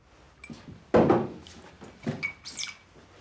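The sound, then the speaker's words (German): Ice cubes clink and rattle in a few short bursts: one loud clattering jolt, then softer scattered clinks and taps as they shift about. No one speaks. “Die Eiswürfel, die waren eigentlich für Ihre Nase.”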